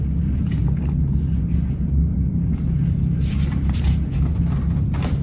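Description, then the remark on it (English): A steady, heavy rumbling roar of grain being dumped from the covered hopper cars of a stopped train, continuous, with faint higher rattles and hissing scattered through it. “The train stops. Grain is dumped from the covered hopper cars.”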